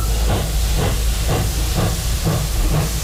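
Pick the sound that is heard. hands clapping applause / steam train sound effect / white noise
steam train sound effect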